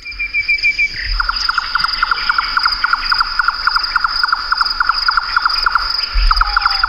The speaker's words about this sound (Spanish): Aquí está el chotacabra, uno de esos pájaros que puedes pisar, bueno, no te das cuenta que lo vas a pisar hasta que sale volando, porque se posa en el suelo con un camuflaje perfecto.